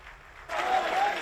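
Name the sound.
audience ovation applause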